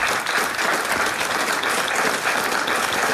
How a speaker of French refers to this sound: Bravo, on peut encore vous applaudir.